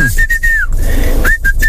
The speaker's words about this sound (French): Après, il a siffloté.